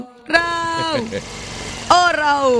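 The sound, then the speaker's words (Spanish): A DR160X motorcycle engine is started and runs with a steady, buzzing drone that sags in pitch, goes rougher for a moment, then surges loudly again and holds a strong hum. “La moto ahí, vea. A la expectativa, FM, la motocicleta. Uy, préndela. La DR160X.”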